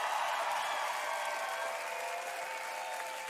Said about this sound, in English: Can we have a big round of applause for the girls, the choir?